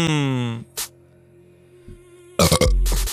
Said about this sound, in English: I just burped. I did it again.